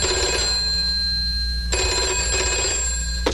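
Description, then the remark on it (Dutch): A telephone rings with a steady electronic trill, two bursts separated by a brief pause, fairly loud over a low background hum, with no one speaking. “En wie heb ik vandaag aan de telefoon?”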